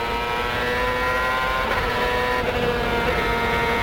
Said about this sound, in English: Coming off the last corner, let's listen to the engine now.